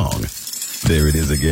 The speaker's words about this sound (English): What's that sound? That's the sound of Downy Unstoppable Scent Beads going into your washing machine and giving your clothes freshness that lasts